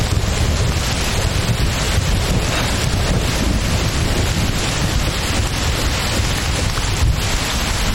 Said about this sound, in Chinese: 怎么突然下雨了呢？这我查了天气预报的呀。